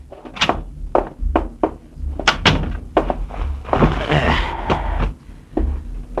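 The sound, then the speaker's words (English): A door is pushed shut with a heavy thud, surrounded by a series of sharp knocks and bumps and a brief rustling scrape partway through. “Yeah, get the door, will you?”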